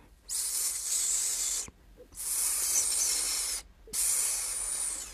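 A snake hisses softly in three long, steady breaths, each lasting over a second with brief silent gaps between them; the sound is airy and high-pitched, with no voices.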